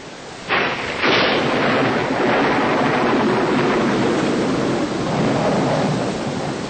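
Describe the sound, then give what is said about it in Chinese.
Steady heavy rain pours down, with a loud rumble of thunder building early on and the downpour continuing densely throughout, enveloping, with no voices. “你疯了，这在下雨，等雨停了再回家嘛。”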